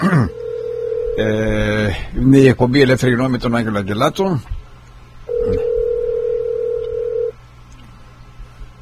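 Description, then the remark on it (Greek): A steady telephone ringback tone sounds in two long bursts, loud, with a man's voice speaking in between them, as a call is placed. “Να συνεχθούμε με τον Ευαγγελάτο. Εδώ είναι. Νομίζω να απαντήσει στο τηλέφωνο.”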